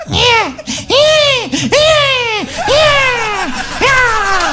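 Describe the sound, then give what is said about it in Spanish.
A baby cries loudly, letting out a rapid series of rising-and-falling wails, about five in a row with only brief catches of breath between them. “Y el pobre guagua llora.”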